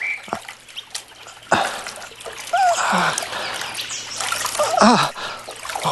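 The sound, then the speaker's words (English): Water splashes and dribbles in several uneven bursts as someone washes their eyes in a pool, a steady wet trickling between them, with a few faint bird chirps in the background. “Lean forward, then. The water is before thee.”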